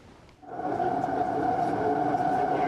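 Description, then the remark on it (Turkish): A steady, loud mechanical rumble with a sustained tonal hum starts abruptly after a brief quiet moment and holds evenly: a metro train running on the Arnavutköy–Halkalı section of the Halkalı–Istanbul Airport metro line in Istanbul. “Halkalı İstanbul Havalimanı metro hattının Arnavutköy Halkalı kesimi hizmete girdi.”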